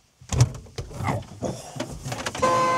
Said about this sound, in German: Oh. Das war die Hupe. Ja, das war die Hupe.